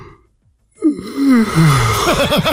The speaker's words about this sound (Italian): Ho sentito lui che russava e adesso che si è svegliato.